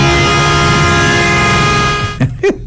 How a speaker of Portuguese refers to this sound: O Vilmar tá com a buzina maior que a minha aqui, o barulho dela